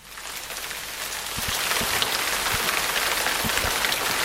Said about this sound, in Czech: Ale je to hezký zase takhle otevřít si to okno. Dobrá. Ten déšť.